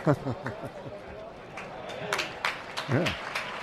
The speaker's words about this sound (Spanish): Vamos, que le toquen las palmas al toro ahora a la aficionada por la muerte que está teniendo después de lo más ocasiones para la lidia.